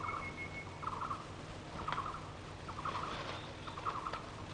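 A flock of fowl calls in repeated short, burbling bursts about once a second, over a steady low rumble of background noise. No one speaks.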